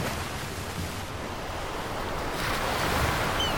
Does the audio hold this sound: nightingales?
no